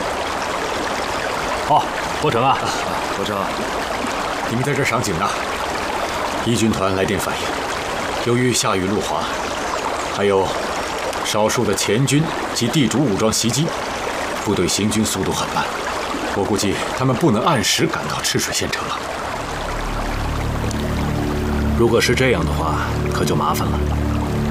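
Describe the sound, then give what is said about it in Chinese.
Steady rushing water of the upper Chishui River, in red-rock Danxia landform country in China, fills the background throughout, a broad continuous wash, with people talking over it and a low rumble building near the end. “这个赤水河的上游啊，是丹霞地貌。”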